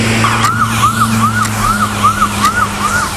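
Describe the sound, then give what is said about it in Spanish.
An ambulance siren wails in quick, repeating rising-falling sweeps, heard from inside the ambulance as it carries a medical team with a liver in a special cooler to the airport, over a steady low engine hum and road rumble, with no one speaking. “Ahora mismo estamos en una ambulancia.”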